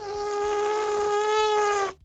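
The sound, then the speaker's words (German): A person imitates an elephant's trumpet with their mouth, but it comes out as one thin, steady, nasal buzz, more like a whining mosquito, held loud for about two seconds before cutting off. “Auch Lippewelle-Hörerin Sandra hat es versucht. Ihr Elefant klingt aber eher so ein bisschen nach Mücke”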